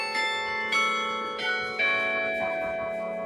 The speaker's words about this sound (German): Das Glockenspiel der Berliner Parochialkirche wurde 2016 wieder zum Leben erweckt. Es ertönt aus dem neu errichteten Turm, der gegen Ende des Zweiten Weltkriegs infolge eines Luftangriffs ins Kirchenschiff gestürzt war.